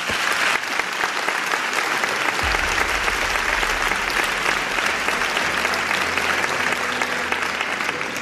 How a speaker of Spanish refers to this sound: Os pido un aplauso para ellos dos.